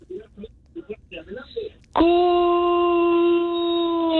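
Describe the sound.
After a couple of seconds of talking, a radio caller from Coronado, California, phoning Frontera 100.7 FM in San Diego, lets out a loud Mexican grito: one long, steady, high-pitched yell held for over two seconds, dipping slightly partway through.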